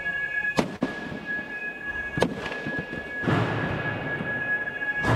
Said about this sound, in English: From a video released during the trial, you can hear them destroying quadcopter drones of the type that are used to murder Palestinians in Gaza.